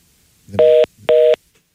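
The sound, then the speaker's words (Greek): Two loud, evenly spaced beeps of a phone line tone after a caller's call to a call-in show drops, each about a quarter second long, sounding alone with no voices. “Και αυτό έπεσε, οπότε...”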